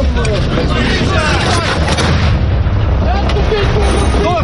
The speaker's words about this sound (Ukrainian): Броньовик здригається від близьких вибухів.